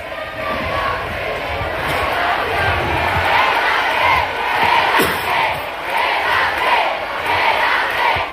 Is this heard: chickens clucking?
no